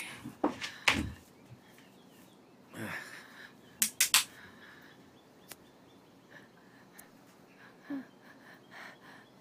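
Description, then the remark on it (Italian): Several sharp, wheezy gasps break the quiet in irregular bursts, followed by fainter, ragged breaths as a young patient treated by a doctor struggles to start breathing again, without talking. “Sì, respira.”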